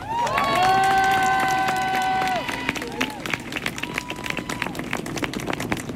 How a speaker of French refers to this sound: Alors avant de commencer, j'aimerais qu'on se donne nous-mêmes ce qu'on ne nous donne jamais, presque jamais, un tonnerre d'applaudissements.